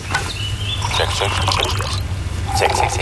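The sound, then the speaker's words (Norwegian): Coffee is poured into a cup in a steady stream lasting a few seconds, the splashing pitch rising as it fills, with faint voices and a low hum behind. “Vil du ha litt kaffe?”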